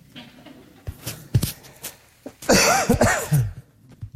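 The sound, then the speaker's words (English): Several short coughs from a person with a tickle in the throat, then a louder, harsher burst of coughing that rasps and strains for about a second before trailing off. “I've got this tickle in my throat and I'm trying to fight it down, but I don't think I'm going to be able to, so I don't want to scare you when I cough.”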